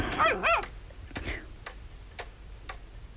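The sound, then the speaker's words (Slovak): A dog gives a short, high whimpering whine at the start, followed by a few sharp, evenly spaced clicks like a clock ticking. “Čo to počujem? Kamarát ti priviedol psa.”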